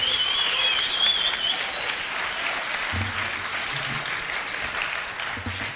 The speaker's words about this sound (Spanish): Y sobre todo pues un aplauso para ustedes que venían a apoyarnos esta noche. Gracias, Vientos. Ese aplauso para ustedes.